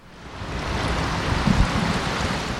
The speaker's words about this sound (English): Water flows into a concrete tank where 18-month-old brown trout dart back and forth